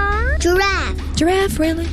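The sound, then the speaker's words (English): A child's voice imitates a cat, giving two or three rising and falling meows in quick succession, clear over a low background hum. “Dog. Cat.”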